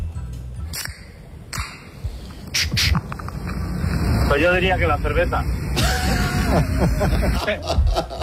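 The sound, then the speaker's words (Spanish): A beer can being opened: several sharp metallic clicks and snaps, then a longer fizzing hiss, with muffled voices and high chirping tones running underneath. “A ver, es buena, es la lata de cerveza.”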